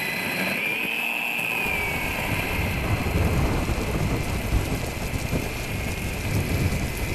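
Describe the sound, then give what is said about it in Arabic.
Steady, heavy rain begins pouring at dawn, continuing with a dense hiss, while a deep rumble of thunder rolls underneath after the first couple of seconds. No voices, just the storm throughout. “ومع بدء هطول المطر وبزوغ ضوء الفجر غادر المكان.”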